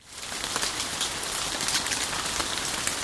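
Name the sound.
rain falling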